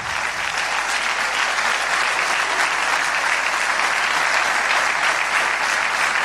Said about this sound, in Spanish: Sí, es para aplaudir.